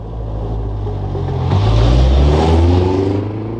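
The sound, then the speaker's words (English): A family's car at the end of a lane rumbles, then revs louder and pulls away to go to town, its low droning pitch climbing as it accelerates before easing slightly at the end. No voices. “Later that day, Town Mouse saw the family at the end of the lane getting into the car to go to town.”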